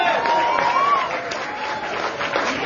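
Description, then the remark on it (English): A crowd at a Georgia Democratic campaign event claps steadily in a dense, continuous wash of applause, with a few voices and a faint whistle-like tone rising through it. “And if you believe that we will send John Ossoff back to the Senate in November, if you believe that Georgia will have a governor named Keisha, and if you believe that we will elect Democrats up and down the ballot this November, clap your hands.”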